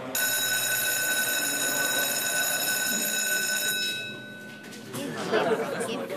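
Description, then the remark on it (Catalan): A crowd of students chatters in a classroom in overlapping voices while a steady, high electronic ringing tone sounds for the first few seconds, then cuts off, leaving the lively babble alone. “Avui esteu molt xerraires.”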